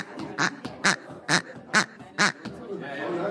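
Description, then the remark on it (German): A small squeaky toy chicken squawks five times in a quick, steady rhythm, each honk short, bright, nasal and loud, followed by a moment of faint rustling. “Genau, das kleinste Huhn kann eine Menge.”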